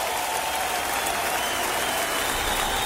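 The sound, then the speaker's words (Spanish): Steady, dense applause for the Lord from a large crowd, sustained at an even loudness throughout with no pauses, a continuous wash of many hands clapping together. “aplauso, Señor, fuerte.”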